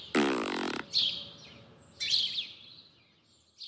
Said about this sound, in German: können Schnecken etwa auch pupsen?